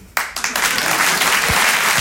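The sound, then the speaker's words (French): Applause bursts out abruptly from a crowd and holds steady as a dense, loud wash of clapping. A few low voice sounds poke through near the end. “Votre applaudissement, il est trop bien parce qu'il veut juste dire « Elle est tellement naïve !»”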